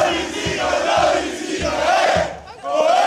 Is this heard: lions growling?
no